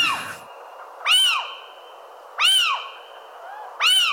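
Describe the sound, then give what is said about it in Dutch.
An owl excitement duet: three loud bursts of rising-and-falling chattering calls, evenly spaced about 1.3 seconds apart, with a steady thin tone lingering between them. “opwindingsduet. Wat romantischer misschien.”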